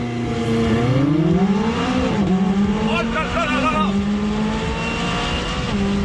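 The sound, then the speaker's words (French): A 600 LT sports car with a 3.8-litre twin-turbo V8, roof folded down, launches hard from standstill using launch control for a 0 to 100 km/h run in 2.9 seconds, its engine roaring up through rising revs with a quick gear shift, loud and continuous, while a man exclaims excitedly over it. “Allez, bah pour déjà voir ce qu'elle a dans le ventre, cette 600 LT, on va se faire un petit 0 à 100 avec le launch control, pied à fond sur le frein, pied à fond sur l'accélérateur.”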